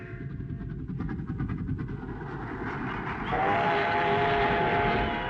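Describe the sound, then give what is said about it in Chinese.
A steam train bound for Beiping (Peking) rolls along the rails with a steady, loud rumble and rhythmic clatter; partway through, a sustained whistle-like tone rises over the noise. No voices. “他登上了返回北平的火车。”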